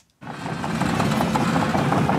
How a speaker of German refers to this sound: Die Bagger rollen hier an der Grundschule in Kernen im Remstal nahe Stuttgart. Ein Sound, der nicht nur Lokalpolitiker anlockt.